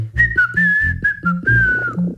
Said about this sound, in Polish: Gdy gwiżdżemy, to jest to tak ostry dźwięk, że nie można nie zareagować. Dlatego na przykład często gwiżdżemy na psy, żeby się odwróciły do nas i wróciły, gdy odbiegną za daleko na spacerze. Bo to jest taki ostry i wysoki dźwięk.